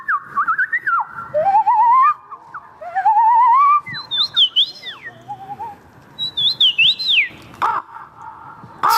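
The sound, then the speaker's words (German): People at a bird-call imitation championship held in a city centre in Poland imitate an assortment of bird calls, with warbling whistles, rising trills and sharp chirps following one another in quick succession, loud, with no talking. “Mit einer Meisterschaft, die ein Stadtzentrum für einen Abend in einen Wald voller verschiedener Vogelstimmen verwandeln kann.”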